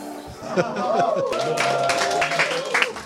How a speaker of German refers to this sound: Also der Applaus gilt natürlich an dieser Stelle euch.